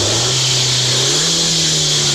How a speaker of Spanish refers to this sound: Ah, pero no la licuadora, güey, tu moto.